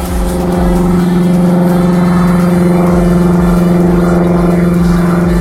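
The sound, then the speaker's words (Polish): An airplane engine drones steadily and loudly throughout, a constant low, buzzing hum with strong tonal overtones and a slight pulsing texture, with no voices present. “Dziś namawiamy was do lekkiego wyluzowania i próby oddania dźwięku samolotu. Tak naprawdę brzmią?”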